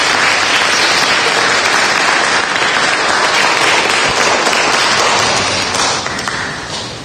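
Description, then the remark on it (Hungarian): A crowd applauds steadily for a person being introduced at a community's 25th anniversary celebration, a dense wash of many hands clapping that holds strong for several seconds before starting to thin out toward the end. “Tapsot neki.”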